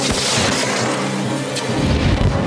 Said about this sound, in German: Charlie holt das Notsignal und schießt es ab.